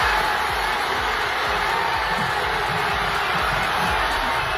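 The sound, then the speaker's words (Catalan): A large crowd at Parc Catalunya in Sabadell, following a match on giant screens, roars and cheers continuously, a dense wash of shouting voices with scattered whoops rising above the steady, loud din. “Aquests són els crits, per exemple, a Sabadell, al Parc Catalunya, on hi havia pantalles gegants per seguir, una pantalla gegant per seguir el partit.”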